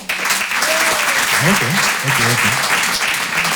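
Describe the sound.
An audience in a hall claps steadily, a dense and loud wash of applause, with a few shouts and voices rising through it, clapping in answer to being asked who knows how to ski.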